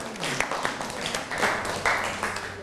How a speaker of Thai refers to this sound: นั่งลงได้ครับปรบมือให้กับเพื่อนหน่อยครับ